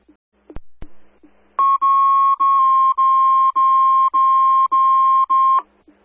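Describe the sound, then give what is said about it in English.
Fire dispatch alert tones, placed for coverage, for a motor vehicle accident on Route 24 southbound: after two sharp clicks, a loud, steady mid-high electronic tone pulses in about eight long, evenly spaced beeps with tiny gaps, all at one pitch and with no talking. “We'll place the tones for coverage at 2036.”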